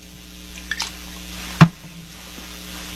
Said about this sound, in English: That easy to swallow. And all I need is a little bit of Trader Joe's sparkling water.